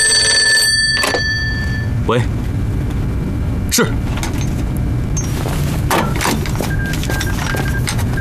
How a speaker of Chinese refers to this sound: 谁呀？电话追到这儿来了。